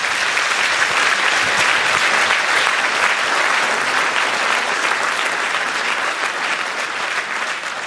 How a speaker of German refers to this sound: Gerne einen kleinen Applaus